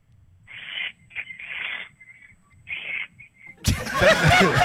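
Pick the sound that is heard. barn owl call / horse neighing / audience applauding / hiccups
barn owl call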